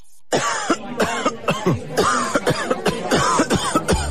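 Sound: coughing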